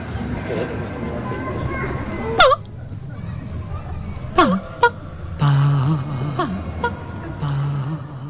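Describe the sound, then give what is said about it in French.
A baby cries and whimpers in short, wavering bursts, with a few sharper squeals breaking through a steady background murmur. The sounds are moderately loud. “Avant de parler, et même avant de chanter, elle crie, elle pleure et elle babille.”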